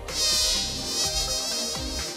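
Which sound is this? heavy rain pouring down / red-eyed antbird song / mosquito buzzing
mosquito buzzing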